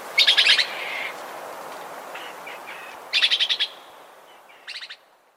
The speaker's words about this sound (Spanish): Esta grabación fue captada en el Huila. El trino del hormiguero ojirrojo forma parte del Banco de Sonidos de Aves Colombianas, recopilado por el Instituto von Humboldt y la Universidad de Cornell.